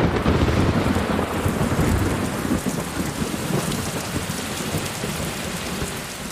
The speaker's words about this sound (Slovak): Jedného dňa sa však strhla nevídane silná búrka. Vietor polámal a povyvracal stromy na cesty.